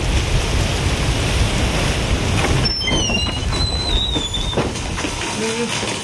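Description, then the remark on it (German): Steady, dense rain pours down with a constant hiss that fills the whole stretch, while a few faint high chirps flicker briefly through the middle. “Oh, es regnet.”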